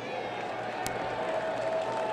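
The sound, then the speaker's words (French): Steady crowd applause from a ballpark audience at a baseball game involving Fargo-Moorhead. The crowd is applauding a good fielding play by a young player. A dense wash of clapping and murmur holds at a constant level, with one sharp click cutting through partway. “Et les applaudissements, c'est pour un bon jeu là, du jeune préposé.”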